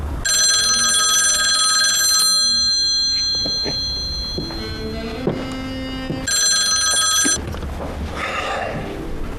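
A telephone rings in two loud, shrill bursts, the first about two seconds long and the second shorter, with a pause between them filled by softer tonal sounds. No one speaks.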